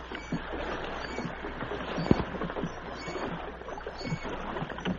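Oars dip and splash rhythmically as a small boat is rowed through water toward the side of a ship, with steady sloshing and occasional louder knocks, with no talking.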